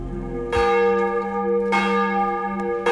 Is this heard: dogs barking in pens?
no